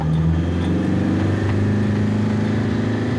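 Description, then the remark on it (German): A car engine whines steadily in first gear in Cappadocia, its droning pitch holding loud, with a faint rise partway through and no voices. “Bleib im ersten Gang, wenn er so jault.”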